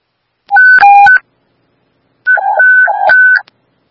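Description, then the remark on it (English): Two bursts of electronic dispatch paging tones paging Medic 223 for a fall call, each a quick sequence of steady beeping pitches switching between high and lower notes, separated by a second of silence. Loud and clear, with no voices. “This is Medic 223, paging for a fall.”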